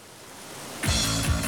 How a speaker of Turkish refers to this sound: Bu derinin en güzel kısmı buradaki tek şelalenin bu olmaması.